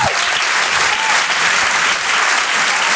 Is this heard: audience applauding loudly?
yes